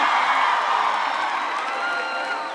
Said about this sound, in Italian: Prenditelo tutto l'applauso di Ferrara. Grazie.